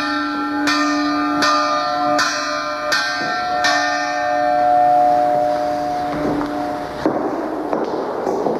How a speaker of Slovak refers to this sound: Alebo zvon vyrobený v Banskej Štiavnici v polovici 19. storočia.